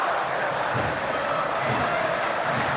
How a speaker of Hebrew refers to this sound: קהל של ביתר מתחיל להתעורר גם הוא, כאשר אנחנו בדקה ה-77.